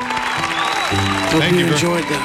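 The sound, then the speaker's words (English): A crowd applauds loudly and steadily, a dense wash of clapping with excited voices and shouts rising over it, continuous throughout. “The crowd applause is a little bit loud compared to your laid back soundtrack there.”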